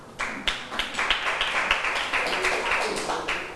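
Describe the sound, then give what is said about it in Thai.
A group of students in a classroom claps for a classmate in a dense, steady burst of applause lasting a few seconds, fairly loud and even throughout, with no one talking over it. “มีไม่เอ่ยปรบมือให้เพื่อนหน่อยค่ะ”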